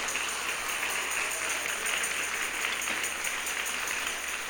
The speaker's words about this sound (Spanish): Démosle un aplauso al Rey, pero démoselo con todo el corazón.